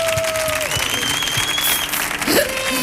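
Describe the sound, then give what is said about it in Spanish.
Loud, continuous applause from a large crowd for Vicente Bosé fills the whole moment, a dense steady wash of clapping with faint tones drifting underneath. “Mire, fuerte el aplauso para Vicente Bosé.”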